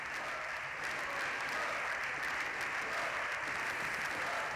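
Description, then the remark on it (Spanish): Steady, dense applause from the Partido Socialista benches in a parliament chamber at the end of a plenary session fills the whole stretch, a continuous roar of clapping hands without pause, with a faint murmur of voices underneath as the Partido Popular benches shout for resignation. “Así ha terminado el pleno, con gritos de dimisión en la bancada del Partido Popular y, como ven, también con aplausos en la del Partido Socialista.”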